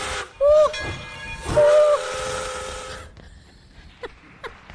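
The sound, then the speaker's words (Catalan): Two loud, shrill steam whistle blasts sound from a locomotive over a bed of hissing steam, followed by quieter chuffing and a few sharp mechanical clanks as the hiss fades, as the train departs. “corre, Violeta, que el tren de les flors no s'espera!”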